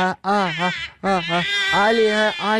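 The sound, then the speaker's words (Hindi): A baby girl wails loudly at home in sustained, high-pitched bursts, pausing briefly for breath between cries before starting again. “ये मेरा एक्चुअली बच्चा बहुत रो रहा है”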